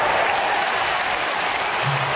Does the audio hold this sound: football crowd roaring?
yes